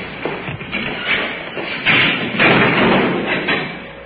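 A jail door swings shut with a dull thud amid a few muffled knocks and rattling shuffles, all at a steady moderate loudness with no voices.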